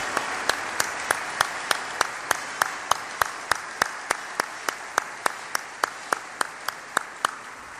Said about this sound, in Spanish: Un fuerte aplauso hasta el cielo al maestro Calixto Méndez Gómez.